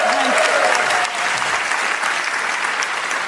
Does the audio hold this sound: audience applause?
yes